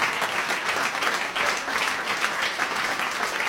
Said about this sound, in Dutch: Echt een daverend applaus hier.